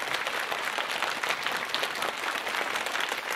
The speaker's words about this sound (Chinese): 也再次用掌声来感谢台上的四位选手，谢谢各位。